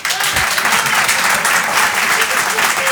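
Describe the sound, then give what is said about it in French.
Steady, dense audience applause fills the whole clip, a loud wash of many hands clapping without pause, with faint murmuring voices mixed beneath it, as the audience answers by applause who has thought about changing jobs in recent months. “Qui, par applaudissement, a pensé à changer de travail ces derniers mois?”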